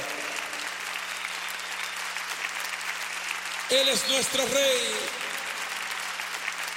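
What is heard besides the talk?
audience applause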